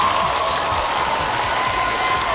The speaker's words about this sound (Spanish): Ay, qué lindo. Un fuerte aplauso para esta pareja que está enamorada.